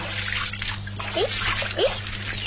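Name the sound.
splashing in river water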